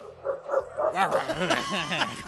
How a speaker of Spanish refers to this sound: Ahí está un perro ladrando.